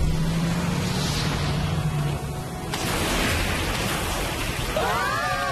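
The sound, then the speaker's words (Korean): A boat's super engine roars steadily at high power, a loud, dense rushing drone that surges even stronger partway through, with a brief warbling chirp near the end. “슈퍼 엔진!”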